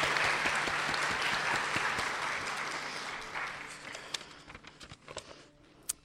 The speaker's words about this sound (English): so if you could stand up or wave, and we will give you a special round of applause over there.